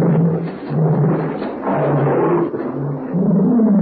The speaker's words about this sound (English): Strange sound. I wonder what it is. I don't know. It seems to be an animal of some kind. Never heard anything like it before. That's my pet tiger.